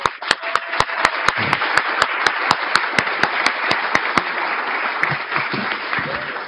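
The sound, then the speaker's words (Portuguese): A crowd at an homage ceremony applauds the honoree's brother steadily for several seconds, one sharp, evenly spaced clap cutting through the dense wash for about four seconds before the applause carries on alone. “uma salva de palmas também.”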